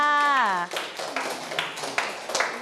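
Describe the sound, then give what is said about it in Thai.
A voice speaks briefly, then a group of classmates breaks into a burst of scattered, uneven clapping for a classmate's complete answer in class, continuing for about two seconds at a fairly steady loudness. “เยี่ยมมากเลยค่ะครบถ้วนเลยปรบมือให้เพื่อนค่ะ”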